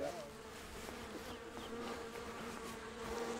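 A steady, dense hum of many honeybees buzzing together from a beekeeper's colony, like an active hive, continuous and even throughout with faint higher whines of individual bees passing by.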